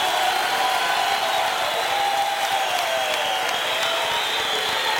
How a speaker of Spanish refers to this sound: ¡Aleluya! ¡Denle un fuerte aplauso al Señor en esta noche!